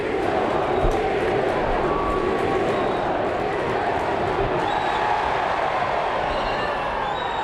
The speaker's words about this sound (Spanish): gritos de directiva, dimisión